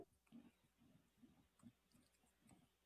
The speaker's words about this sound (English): This is what it sounds like when I'm typing.